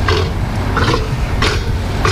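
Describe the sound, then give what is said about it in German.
A Patagonian (South American) sea lion gives four hoarse, barking calls at a steady rhythm, each rough and raspy, over a constant low rumble of background noise with no voices. “Die machen ja putzige Geräusche hier.”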